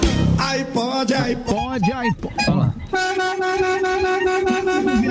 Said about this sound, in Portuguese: É isso, é a buzina, você chegou lá, vou dar uma buzinadinha, ó. Já dá tempo pro cara sair lá.